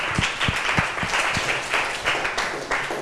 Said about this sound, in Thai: ขอเสียงปรบมือให้ตัวแทนนักเรียนด้วยค่ะ